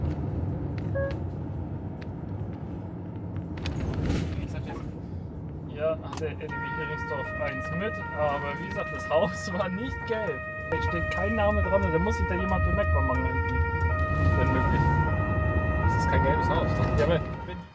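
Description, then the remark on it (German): An emergency vehicle in a rescue convoy searching for a patient's address around Heringsdorf and Bansin sounds its two-tone siren (Martinshorn). It starts after a few seconds and wails steadily, its alternating pitches stepping up and down over a deep, continuous engine rumble. “Es muss doch Bansin sein, denn die Patientin glaubt, dass Martins Horn bereits gehört zu haben.”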